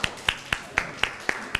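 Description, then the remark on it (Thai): Clapping in a steady, even rhythm, about seven sharp claps at roughly four per second, moderately loud and crisp, as people in a class applaud together in time for their classmates, the group representatives called to the front. “เดี๋ยวให้ตัวแทนกลุ่มที่ได้เรื่องของอักษรไทยเรื่องจันทรุปราคาแล้วก็เรื่องของพันกล้วยไม้ด้านหน้าได้เลยครับปรบมือให้กับเพื่อนๆด้วยครับ”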